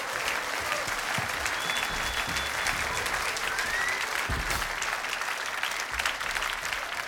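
Sustained applause from an audience, a dense, steady patter of many hands clapping at an even loudness for several seconds, with no one speaking over it.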